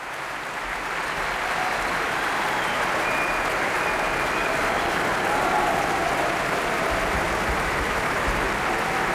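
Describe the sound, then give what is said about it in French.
A large concert audience at the Berlin Philharmonie applauds the pianist Francesco Piemontesi, a dense, steady wash of clapping that holds at full strength for the whole stretch, with a few faint voices or cheers mixed in. “Le pianiste Francesco Piemontesi, copieusement applaudi par le public de la Philharmonie de Berlin, qui aimerait bien en écouter un peu plus.”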